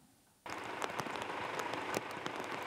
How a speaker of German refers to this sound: Heute früh in Hildesheim. Die Straßen überflutet und die Gullis verstopft. Auf die große Hitzewelle folgt ein kräftiges Unwetter mit Starkregen. Auch in der Region Hannover entlädt sich am Morgen die Hitze.